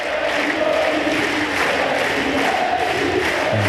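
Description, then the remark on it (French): A large tennis crowd on the Suzanne Lenglen court roars and chants "Moïse" for Moïse Kouamé after his second-round win, a dense, steady wall of voices, loud and continuous throughout, with rhythmic shouted calls rising out of the noise. “On entend, c'était sur le Suzanne Lenglen, la foule qui crie Moïse.”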